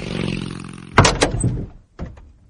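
A father's car arrives at the family home: a low engine hum rumbles steadily, then a car door shuts with a heavy thunk and a brief rattle, followed a moment later by a second, softer thump as the sound fades.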